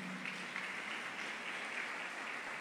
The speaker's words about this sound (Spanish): Le damos ese fuerte aplauso a nuestro Rey de la Gloria.